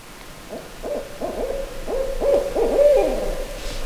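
An owl perched in an eastern hemlock hoots in a steady, rapid series of low, mellow notes that run together and grow slightly louder toward the end, heard clearly against a quiet background with no talking.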